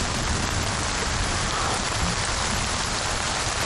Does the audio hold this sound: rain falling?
yes